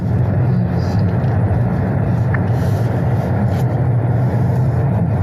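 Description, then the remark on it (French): A steady, loud low rumble of a car carrying journalists as it drives into the Cévennes neighbourhood at 9:30, with constant road and engine noise filling the whole stretch. “Nos journalistes pénètrent en voiture dans le quartier des Cévennes, où des guetteurs sont déjà en place.”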